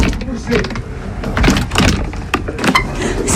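The old door of a precious-stone cutter's shop in Auvergne, France, is shoved open, with loud scraping, rattling and a few sharp mechanical clunks over about three seconds of effortful pushing.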